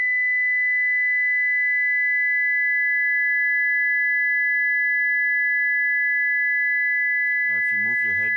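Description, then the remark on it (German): Two steady pure sine tones, the first at 2000 hertz, sound together at a high pitch, holding unbroken and fairly loud for several seconds before a voice begins speaking over them at the end. “Eine zweite kommt dazu.”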